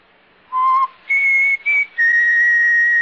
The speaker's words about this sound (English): I just whistled.